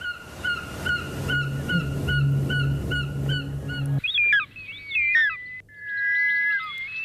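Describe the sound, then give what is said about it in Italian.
Short-toed snake eagle, a large bird of prey, calls: a run of short, evenly repeated nasal notes over a low steady hum, followed by loud, wavering, slurred whistles that rise and fall in pitch. “È un biancone. Un grande rapace di urno.”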